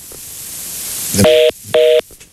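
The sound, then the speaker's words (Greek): A rising hiss of line static gives way to two loud, evenly spaced beeps of a phone busy tone after a dropped call, each about a quarter second long, with no voices. “Και αυτό έπεσε”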